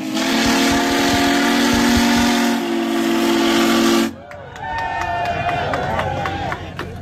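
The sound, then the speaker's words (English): The Big Boy steam locomotive, its front adorned with an American eagle and a special plaque reading 1776 and 2026 with a red, white and blue banner, blows one long, loud, steady whistle blast wrapped in hissing steam for about four seconds, then cuts off, leaving quieter clanks, rumbling and faint voices. “And look at the beautiful adornments we have on the front, a beautiful American eagle, and the special plaque made for this trip only with 1776 and 2026 red, white, and blue banner.”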